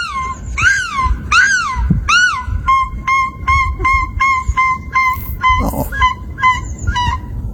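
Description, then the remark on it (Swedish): A woman imitates a gull with three loud, drawn-out wailing calls that slide down in pitch. Real gulls then answer with a rapid series of short, harsh, even-pitched calls. “Men hon kan i alla fall låta som en mås.”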